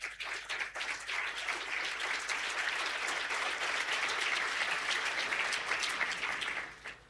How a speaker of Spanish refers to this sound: Bienvenido, Coloso. 16.000 desregulaciones. Aplauso para el Coloso.